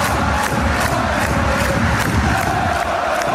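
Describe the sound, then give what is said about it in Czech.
A dense, loud roar from a big crowd of Mannheim ice hockey fans at a home game in their 13,600-capacity arena in the German league, with steady rhythmic clapping or chanting pulses beating through the continuous din. “Umí vytvořit při domácích zápasech v aréně pro 13 600 diváků fanoušci Mannheimu opravdu bouřlivou kulisu.”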